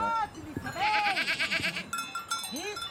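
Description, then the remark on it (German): Goats bleat several times in short, wavering calls on an alpine goat pasture in a small side valley of the Engadin, Switzerland, while bells clang in a quick, steady rhythm in between. “Es verschlug ihn schließlich auf eine Ziegenalb in einem kleinen Seitental des Schweizer Engadins.”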